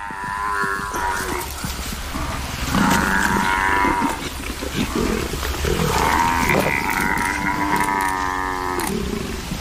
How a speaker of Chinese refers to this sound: 狮子试图让非洲水牛幼崽窒息而死。幼崽比成年个体脆弱得多。